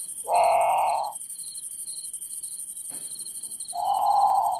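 A great potoo gives two loud, drawn-out moaning calls about three seconds apart, the second slightly softer, over a steady background of buzzing insects and crickets at night.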